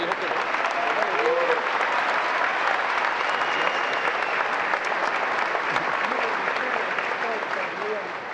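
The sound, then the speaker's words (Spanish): At the swearing-in ceremony of the vice president of Colombia, a large audience applauds steadily, a dense, sustained wash of clapping that holds at an even loudness for several seconds without pausing, with faint voices scattered underneath. “Don Luis Yagüe, un aplauso.”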